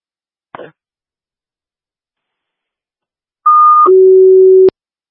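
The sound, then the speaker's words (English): St. Louis Wabak City Fire dispatch radio paging tones, sent as a cancellation page for a fire alarm at 6037 Voyagers Trail: after a short static click and a pause, a loud steady high tone drops abruptly into a longer, lower sustained tone that cuts off sharply. “Louis Wabak City Fire, this is your cancellation page to respond on a fire alarm at 6037 Voyagers Trail.”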